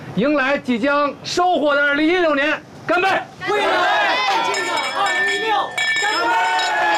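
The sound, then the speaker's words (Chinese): Several wine glasses clink together in a toast farewelling 2015 and welcoming 2016, amid a loud group of voices shouting "cheers" and cheering in unison, the bright ringing tones mixing with the crowd's boisterous toast. “啊，来，举起面前的酒杯，为送走忙碌而充实的2015年，迎来即将收获的2016年，干杯！”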